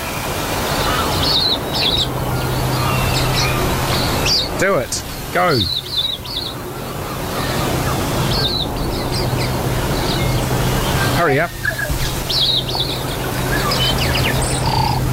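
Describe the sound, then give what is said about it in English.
A large berry-eating bird gives a few plain, modest calls, including a couple of downward-sweeping notes, mixed with repeated short chirps against steady background hum while people speak briefly. “Yeah, not a spectacular bird call. I wonder why, for such a big bird”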